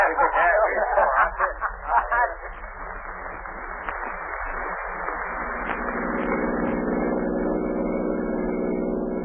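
A car engine drones steadily as the vehicle drives along a road, a low continuous rumble that settles into an even hum, with some brief muffled voice-like sounds near the start.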